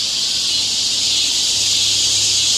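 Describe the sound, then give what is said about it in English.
A dense, steady, high-pitched buzz of cicadas in summer drones continuously without a break, loud, with no voices over it. “So, you can actually find a website where you can listen to 10 hours of cicadas in the summer.”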